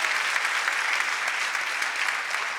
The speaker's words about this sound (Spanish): Vamos a darle un aplauso a nuestros hermanos extranjeros. Les amamos.